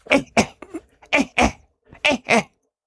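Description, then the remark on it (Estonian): A human voice imitates a monkey's aerial alarm call, the warning given when a threat comes from the air: three pairs of sharp, abrupt double coughs, fairly loud, with brief pauses between each pair. “Tema kohustus on öelda, nagu kõikidel pärdiklastel seda on teada, hoiatav häälitsus on topelt köhatus, mis tähendab õhu häire.”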